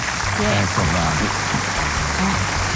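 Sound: applause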